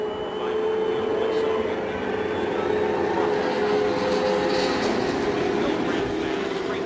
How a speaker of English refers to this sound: A hesitation for just a moment here on the main stretch as Rick Mears' engine failed to fire, but finally it roared into life